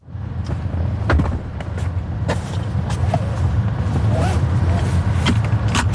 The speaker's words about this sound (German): Türen auf- und zu machen und sich angurten. Das muss man im Robotaxi noch selber machen.